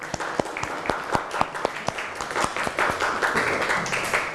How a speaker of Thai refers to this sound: เก่งมากค่ะขอเสียงปรบมือให้ตัวเองหน่อยค่ะ